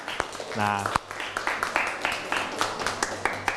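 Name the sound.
audience clapping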